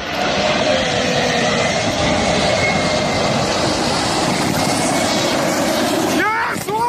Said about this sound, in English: And two planes took part in a daringly low flypast above Cape Town Stadium before South Africa took on New Zealand in a rugby match.